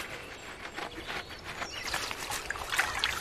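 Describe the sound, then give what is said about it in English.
River water trickles and burbles steadily, like a small stream running over stones, with a busy, splashing texture and no voices. “Now, let's travel over to a river to meet some builders who can reshape an entire valley, the Beaver People.”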